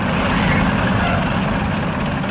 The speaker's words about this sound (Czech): To vrčení, které teď slyšíte, to pochází od dalšího stroje, který na tomto staveništi pracuje. Je to rypadlo značky Breud X20, které bylo dovezeno z Norska.